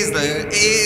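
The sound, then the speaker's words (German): A man deep in the Alps calls out the same word twice in a drawn-out, sing-song way, mimicking a mountain echo answering back for tourists. Fairly loud, with the second call close behind the first. “Er macht die Echos für die Touristen.”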